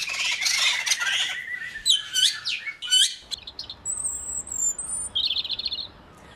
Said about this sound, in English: Scientists have analysed more than 100,000 bird songs and found they are made up from just 8 fundamental types of sound. Each song, they say, is made up of combinations of 3 types of trill, 3 types of whistle, chaotic notes and harmonies.